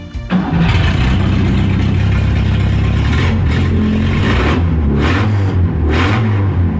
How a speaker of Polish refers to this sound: Sprawdziliśmy, rzeczywiście tak było. Pomyliliśmy się. Ale już mamy Fiata 125P silnik. Panie Leszku, proszę słuchać.